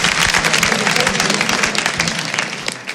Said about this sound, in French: On les applaudit s'il vous plaît.